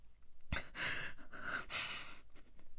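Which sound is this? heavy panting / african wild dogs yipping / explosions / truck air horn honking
heavy panting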